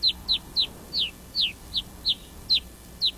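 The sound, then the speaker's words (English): Rosy finch calls: about ten short, high, downward-slurred chirps repeating at a steady quick pace over a faint low rumble, clear, with no talking. “For both brown-capped and black rosy finches, frigid, barren peaks are home sweet home.”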